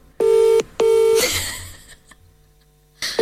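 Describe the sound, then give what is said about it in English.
A phone call rings out over a speakerphone: a loud electronic ringback tone in a repeating double-burst pattern, with a short quiet gap before the next ring begins. No one speaks. “Oh, sorry, I don't think he's going to answer. People don't really answer.”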